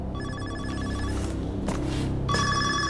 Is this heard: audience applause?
no